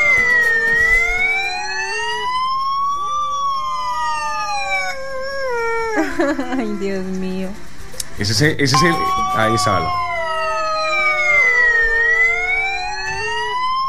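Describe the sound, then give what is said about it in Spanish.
A Colombian National Police siren wails in long rising and falling sweeps while a dog in Colombia howls along, imitating its pitch, in a viral video; people talk and exclaim in the middle, then the siren-like wail resumes loudly. “Se trata de un perrito que se viralizó por replicar el sonido de la sirena de la Policía Nacional.”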